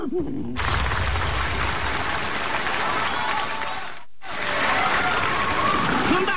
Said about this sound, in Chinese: 掌声啊，我听出来了。 什么呀？ 大家还是比较喜欢我们俩的。